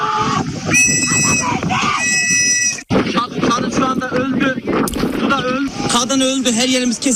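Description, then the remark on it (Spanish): A woman on the side of a sinking ship near the port of Kyrenia, where passengers await rescue, screams and wails in long, high, strained cries for people who are drowning, over a loud, constant rush of wind and engine noise, with other voices shouting. “Así grababa uno de ellos a los que esperaban el rescate en un lateral del barco mientras una mujer grita por los que se están ahogando.”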